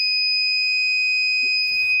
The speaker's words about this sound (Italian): la sua funzione è molto semplice, come vi ho detto all'inizio, mettendo il sensore che è qua, praticamente sente subito l'acqua e mi suona un impulso sonoro e anche luminoso. Lo vediamo fra un po' allora. Sentite?